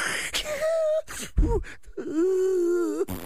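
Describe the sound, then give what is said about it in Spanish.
A voice imitates snoring with two drawn-out, whiny nasal tones and a rough, breathy snort between them, fairly loud, with no words spoken. “Bueno, eso es otro ronque.”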